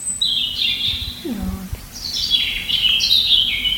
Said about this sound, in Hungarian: Nézzük akkor a vörösbegy.